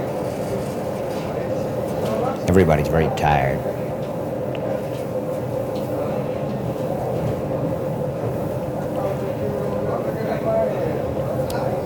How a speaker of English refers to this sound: I'm in the club car. That's the last one of this particular train. There are two sections of train. The first, that's car 1 to 19, about a mile walk from 1 to 19.